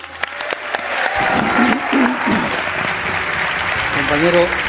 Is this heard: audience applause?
yes